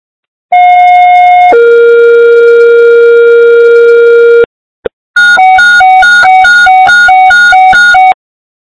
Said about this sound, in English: East Fire, stand by for tones.